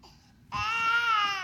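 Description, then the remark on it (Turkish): A baby lets out a loud, sustained wail that starts abruptly after a brief quieter moment, the cry strained, holding steady without pause. “Sadece sesini kesmeye çalışıyorum.”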